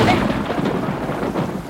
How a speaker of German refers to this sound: Es hat geregnet an dem Abend.